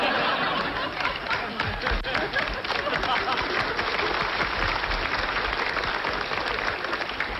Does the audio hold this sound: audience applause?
yes